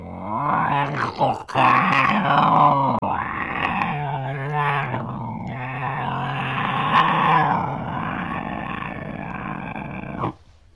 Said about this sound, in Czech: Snad nemyslíš, že je to ten doopravdický medvěd. Medvěd by bručel. Medvěd vždycky bručí. To je vědecky dokázaný.